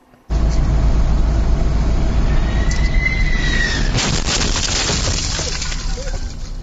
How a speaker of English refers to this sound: Let's get you to some dramatic video now of the moment that a Boeing 767 jet collided with a bakery delivery truck in New Jersey. Keep in mind, the driver is okay.